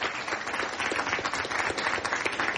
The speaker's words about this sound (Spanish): Un aplauso